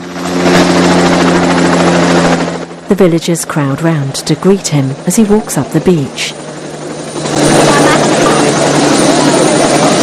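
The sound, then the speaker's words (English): A loud helicopter with a spotlight whirs and drones steadily as it comes in toward a beach for a landing, drops away while a voice speaks briefly, then the heavy whirring returns at full strength. “A helicopter with a spotlight whirs towards the beach, coming in for a landing.”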